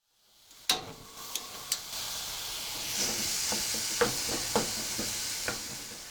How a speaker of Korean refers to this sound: 냄비를 아직 불에 올려놓지 않았지만 냄비 바닥에 예열이 남아있어 다진 고기의 색깔이 점차 희게 변하는데 바닥에 붙은 것을 떼어내는 식으로 휘저어가면서 볶아줍니다.